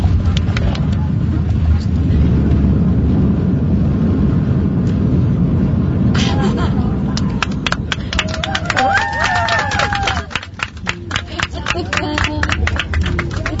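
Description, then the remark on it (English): A loud, steady roar of an airplane landing, with a burst of sharp bumps and rattles partway through as it touches down; faint voices come through under the din. “Look at us. We're going to land.”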